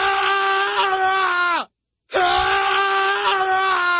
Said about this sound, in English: But when I hear about no moves, absolute no moves, it makes me kind of want to scream.